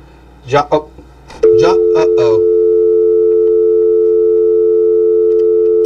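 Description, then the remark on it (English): A man speaks briefly, then a steady, loud telephone line tone cuts in as he switches between phone calls, humming on unbroken to the end, partly overlapping the last words. “Man, I just had to figure out that phone.”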